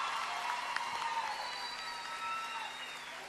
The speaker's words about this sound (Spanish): ¡Aplausos! ¡Sergio Torres!